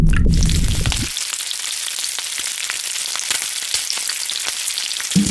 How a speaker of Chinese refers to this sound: 以猪油煎至蜷缩，加入酸木瓜和辛辣香料，炖煮20分钟至乳白，汤鲜肉嫩，鱼韵似山泉穿喉而过。